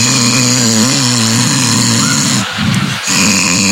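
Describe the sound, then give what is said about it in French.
A voice imitates loud snoring of someone asleep in a first-class bed on a night flight: a sustained, rasping, buzzy growl with a low rumbling pitch, briefly broken by two short catches before the snore resumes. “Parce que j'ai ronflé?”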